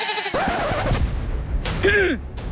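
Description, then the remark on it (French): Goats bleat twice, each a loud, wavering, nasal cry, the first longer and the second shorter, separated by a brief pause. “Devant eux, s'étend une terre sauvage, remplie de forêts et d'animaux effrayants comme... oui, les chèvres.”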